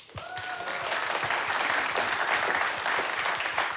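A stage show audience bursts into steady applause to vote for a contestant, dense clapping that holds at an even, fairly loud level for a few seconds, with a brief whistle-like tone near the start.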